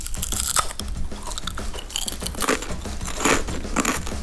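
Crunching of crispy potato chips, with repeated bites and chewing in a dense, crackly rhythm that continues steadily for a few seconds without any talking.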